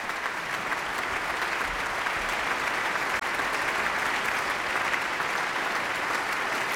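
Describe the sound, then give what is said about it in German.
Sustained, dense applause from a large audience in the Berliner Philharmonie for the evening's soloist, Gil Shaham, as he bows on stage, steady and loud throughout with no pauses, the clapping blending into a continuous wash of sound with no voices standing out. “Aber zunächst noch einmal Applaus für den Solisten des Abends.”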